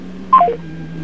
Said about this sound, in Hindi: हाँ, ये फोन स्वतः ही डिस्कनेक्ट हो गया भाई, और क्या बात है।